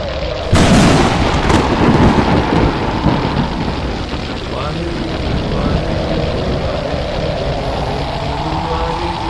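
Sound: thunderstorm rumble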